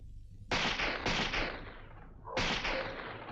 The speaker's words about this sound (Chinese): 这时，枪声大作。其实，这是韩老六的心腹李青山为了制造混乱特意打的。